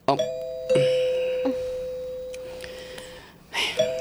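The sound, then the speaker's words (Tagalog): An electronic doorbell at the gate of a house chimes with a sustained tone that slowly decays, followed by a second chime near the end, with faint background noise and a brief voice. “Wait na love ha, kay ma-doorbell ako.”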